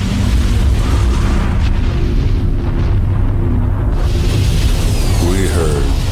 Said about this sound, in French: On a entendu un grondement et une explosion terrible.